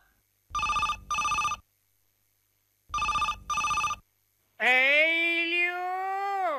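A telephone rings in two bursts of double trills, loud with short pauses between, followed by a sustained voice-like tone that begins right after the ringing stops.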